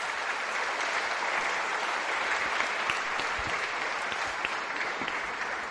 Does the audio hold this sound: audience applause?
yes